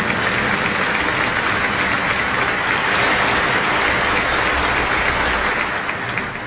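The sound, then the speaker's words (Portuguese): An audience at a church celebration applauds in a sustained, steady burst of clapping that fills the space evenly and loudly, dense and continuous from start to finish without any talking. “os missionários redentoristas que vieram, os religiosos, as religiosas, os diáconos, os padres diocesanos, os padres de outra congregação e todo esse querido povo com uma grande salva de palmas.”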